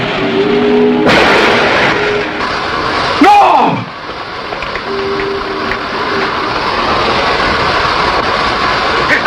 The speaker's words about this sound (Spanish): Un camión chocó contra el auto de Gio.